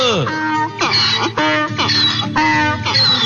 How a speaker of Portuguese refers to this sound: Olha ele aí. Papagaio, bom dia.